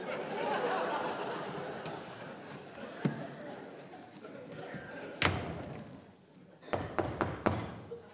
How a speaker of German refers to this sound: Klopfen. Was ist? Anklopfen.